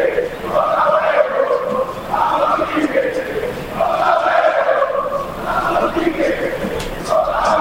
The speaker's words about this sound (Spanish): Cantan todos en el Monumental.